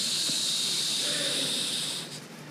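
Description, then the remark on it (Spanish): A voice imitates sand trickling through an hourglass with a steady, breathy hiss lasting about two seconds, bright and fairly loud, then tapering off at the end. “Hago así porque era un reloj de arena, ¿verdad? Se entiende que era de arena.”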